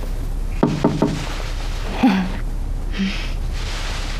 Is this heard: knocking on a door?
yes